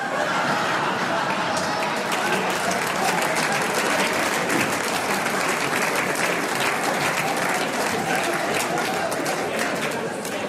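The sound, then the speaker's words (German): An audience at a Styrian folk music program claps steadily for about ten seconds after a joke about cigarettes, a dense, even patter of many hands at constant loudness, with faint murmurs and a little laughter mixed in. “Jetzt haben nur die Raucher geklatscht, gell?”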